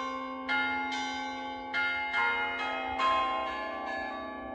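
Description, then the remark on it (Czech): Chapel bells of a small rural chapel in Loučka near Vizovice, Czech Republic, ring above in an overlapping sequence of resonant strikes, roughly seven over a few seconds, each leaving a long shimmering hum that sustains beneath the next. Moderately loud, no voices. “Tak ta stavba je taková jako docela malá, je to venkovská kaple s centrálním oltářem, je poměrně převýšená, docela nezvykle převýšená, sahá pohled až někam do nebe, až někam k Pánu Bohu, přes ty zvony, které jsou nad náma.”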